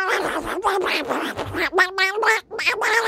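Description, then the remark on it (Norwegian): A loud cartoon voice of Donald Duck (Anders And) quacks and jabbers in rapid, raspy bursts for about three seconds, a person imitating the duck's nasal, garbled chatter. “Nemlig Anders And”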